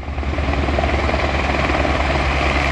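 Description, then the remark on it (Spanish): Helicopters refilling almost continuously from the basin of the municipal swimming pools in La Calabaza: a loud, steady rotor roar with a rapid low thumping that fills the whole stretch without pause; no voices. “El sonido de fondo que escuchamos es el de los helicópteros que repostaban casi continuamente en el vaso de las piscinas municipales de La Calabaza.”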